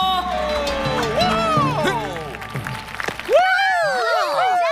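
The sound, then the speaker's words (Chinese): An audience cheers and claps at this year's Cat Olympics games, with excited shouting voices rising and falling over a continuous, fairly loud bed of applause that lasts the whole moment. “欢迎大家来到今年的猫林匹克运动会！耶！掌声有请！”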